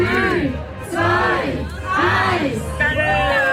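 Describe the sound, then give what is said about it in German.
A large crowd of over 100 invited guests shouts and cheers together in loud, rhythmic surges after a countdown, marking the official opening of the Zürich Oberland Messe 2026 at the Kunsteisbahn Wetzikon. Several swelling waves of many voices follow one after another, with no single speaker standing out. “Und mit diesem Jubel ist Zürich Oberlandmesse 2026 am 2 am Nachmittag offiziell eröffnet.”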